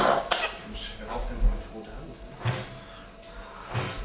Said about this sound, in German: Ist schon hart, ne? Das war ein ganz schönes Huster.